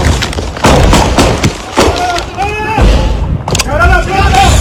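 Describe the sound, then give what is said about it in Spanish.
Several loud, sharp gunshots crack out at irregular intervals during a police raid in the Los Alpes neighbourhood of Ciudad Bolívar, mixed with people shouting urgently over a tense, noisy background. “escuchen ustedes mismos los momentos de tensión y la balacera que se vivió en el barrio Los Alpes de Ciudad Bolívar.”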